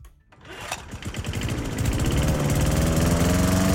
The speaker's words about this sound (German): Bei uns müssen Sie den Rasenmäher heute nur hören.